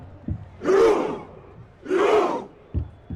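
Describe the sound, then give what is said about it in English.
Football fans chant Norway's Viking Roar during a World Cup campaign: two huge, deep crowd shouts about a second apart, each swelling and fading, with a sharp clap or drum hit before and after. “Norway's Viking Roar has been a big hit in the United States, the soundtrack for a team enjoying their most successful World Cup campaign.”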